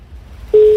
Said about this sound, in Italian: Quarto squillo.